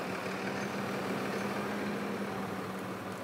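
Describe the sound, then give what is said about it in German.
A tractor engine idles steadily, hitched to a trailer loaded with 28 bales, together about 26 tonnes; a continuous low rumble with a droning hum that holds at an even level throughout, with no voices. “28 Ballen passen auf den Hänger. Macht zusammen mit dem Trecker etwa 26 Tonnen.”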